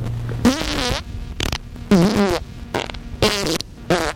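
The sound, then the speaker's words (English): A string of five or six loud, buzzy flatulence sound effects, each a short burst with a wobbling, sputtering pitch, separated by brief pauses, illustrating a mock product's side effect of gas. No one speaks. “You may experience gas with oily discharge, increased bowel movements, an urgent need to have them, and an inability to control them.”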